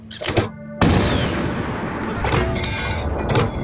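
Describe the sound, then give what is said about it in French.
Heavy cannon fire from a 75 mm cannon, moved quickly between positions to seem like a whole battery during Leclerc's assault on the Koufra fortress, booms out in a loud burst, followed by a sustained, rumbling barrage of further blasts and crackling echoes that continue without pause, with no voices. “Et donc, il va donner l'impression avec un canon de 75 mm qu'il a, en fait, c'est pas qu'un canon qu'il a, c'est toute une batterie.”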